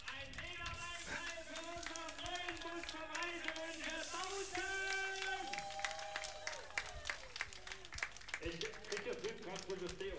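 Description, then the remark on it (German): A crowd applauds steadily for about ten seconds at the christening of a new bus named Bautzen, during Reisewünsche's 70th anniversary celebration. Dense, loud clapping with cheering voices and shouts rising over it throughout. “Ja, so hört sich's an, wenn ein Bus getauft wird.”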